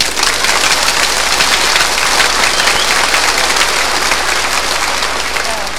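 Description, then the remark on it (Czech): Frenetic applause from an audience: dense, rapid, loud clapping that fills the whole stretch at a steady intensity, like a downpour of hands with no talking. “Teď frenetický, zvaný freneťák, jo?”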